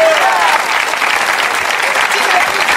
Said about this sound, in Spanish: Denle fuerte ese aplauso, Señor.